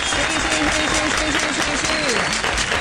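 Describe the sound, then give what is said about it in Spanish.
Steady, dense applause from a crowd fills the whole stretch at a loud, even level, with a voice speaking over the clapping throughout; the applause is for an artist who donated 3 million pesos in aid. “Absolutamente merecido el aplauso para este hombre que de verdad se ha puesto la mano en el corazón y ha estado muy, muy, muy entregado a buscar formas y alternativas de ayuda.”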